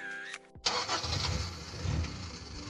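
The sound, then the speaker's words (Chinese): A 10-year-old car engine starts: a short steady tone and a brief pause, then the engine abruptly catches and settles into a loud, rough, rumbling run with a low throbbing idle. “对嘛，像我这种10年老车妥妥的该退居二线了，超龄上岗有安全隐患，更何况咱们这不是单纯退休，是再就业。”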